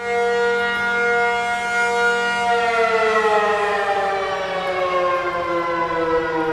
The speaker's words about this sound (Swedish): Ja, så här lät det när de blåste faran över i tunnelbanan häromdagen.